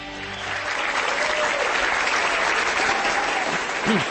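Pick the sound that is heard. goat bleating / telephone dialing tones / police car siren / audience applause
audience applause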